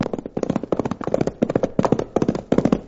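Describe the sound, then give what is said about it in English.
A saddled horse's hooves pound along the trails leading from Dos Rios to Mitt Cummings' ranch in a fast, steady galloping rhythm, clustered beats repeating without a break, fairly loud and with no voices over them. “But I did throw a saddle on my horse and start burning up the trails which lead from Dos Rios to Mitt Cummings' huge ranch.”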